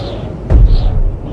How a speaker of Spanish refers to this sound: Truenos, relámpagos, rayos y centellas vienen a continuación.